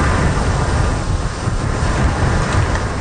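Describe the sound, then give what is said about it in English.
A loud, steady roar of huge waves, thrown up by the outer bands of Typhoon Bavi, pounding Taiwan's northeast coast, a dense wash of churning water with deep rumbling underneath and no voices. “Huge waves thrown up by the outer bands of the storm pound Taiwan's northeast coast.”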